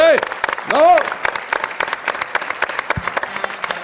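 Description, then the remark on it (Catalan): Audience applause for a woman celebrating her birthday fills the room with dense, crackling clapping throughout, while a voice with rising, excited tones cuts through near the start before the clapping carries on steadily. “Un aplaudiment per l'Anna.”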